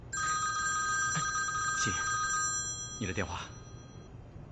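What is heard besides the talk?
telephone ringing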